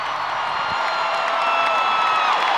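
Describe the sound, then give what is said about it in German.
A large crowd at a concert in Paris roars with sustained cheering and applause, giving a standing ovation as monumental stage elements drift apart; a dense continuous wash of clapping and shouts at steady high loudness. “Unter tosendem Beifall und Standing Ovations driften die monumentalen Bühnenelemente auseinander.”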